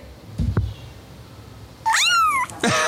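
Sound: cat meowing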